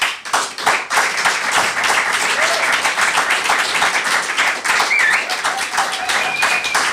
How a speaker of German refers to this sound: Und haltet den Applaus, ein letztes Mal, der letzte Text für heute Abend,